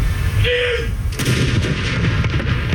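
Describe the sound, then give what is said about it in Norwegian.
Booming cannon shots ring out outdoors at Akershus Fortress in Norway at 12 noon, a salute fired after the death of the king: a deep heavy blast followed by rolling echoes and a few sharper reports, loud and reverberant across open space. “Klokken 12, litt over 3 timer etter at hele Norge fikk vite om dødsfallet, var det tid for salutering med kanoner på Akershus festning.”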